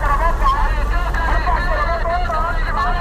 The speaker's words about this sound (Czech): Tady za rohem je ale větší provoz aut a trhovci už přišli na to, že hlasivky mají jen jedny.